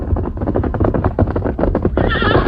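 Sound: horse whinnying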